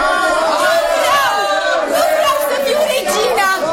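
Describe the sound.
A dense crowd of people shouts and clamors together after being told that Astarte lives, many overlapping voices raised in a loud, continuous roar with rising and falling cries throughout.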